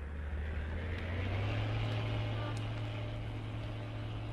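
A steady, low truck engine drone hums continuously throughout, a heavy motor idling or running with a constant rumble and no breaks, moderately loud.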